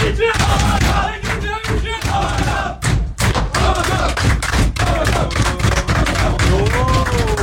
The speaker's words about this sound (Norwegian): En sterk seier av Hamkam, og slik hørtes det ut i garderoben til Hamkam etter at seieren var i boks.